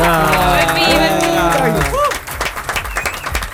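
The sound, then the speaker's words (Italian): Sustained tonal, musical sounds give way to a burst of audience applause, dense, steady clapping that stays loud for the last second and a half. “Vi voglio fare un applauso, ragazzi, perché siete troppo belli.”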